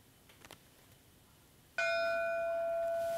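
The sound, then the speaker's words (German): After a quiet stretch, a single loud memorial bell strike rings out in Duisburg, one strike for each person killed in a crowd disaster, and its steady, resonant tone hangs in the air, slowly sustaining without a second strike. “Ein Glockenschlag für jedes Todesopfer.”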